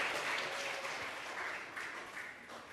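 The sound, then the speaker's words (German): An audience applauds steadily for a few seconds to welcome the guest lecturer at an event, a dense wash of clapping hands with no voices over it, holding fairly even and fading slightly toward the end. “Ja, dann wünsche ich uns eine tolle, interessante Veranstaltung und wir begrüßen unseren Referenten Dr. Frank Feder noch mal mit einem Applaus.”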